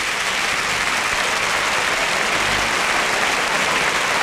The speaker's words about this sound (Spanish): Bueno, y Pablo Aguado brinda al toro. Y el público que se rompe las manos de aplaudir. La plaza de pie, ¿eh?